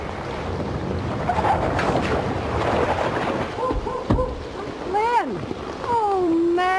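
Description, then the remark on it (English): Rising floodwater from a river rushes steadily near a trailer in a dense, roaring wash, joined near the end by short sliding tonal sounds that could be voices or creaking. “Water's coming up fast.”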